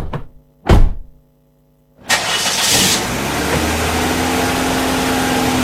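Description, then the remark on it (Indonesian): A car door thumps shut, then after a short pause an engine cranks and catches, settling into a steady idle that hums on to the end. “Ayo, kita angkat ke mobil sama-sama ya, mbak ya.”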